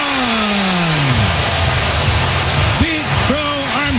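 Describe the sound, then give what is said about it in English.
A stadium crowd roars in a dense, steady wall of cheering for a 435-foot leadoff home run in the first inning against the Reds and left-hander Andrew Abbott, the hitter's 34th of the year, with a few individual shouts and whoops rising and falling above the din. “Listen to this crowd.”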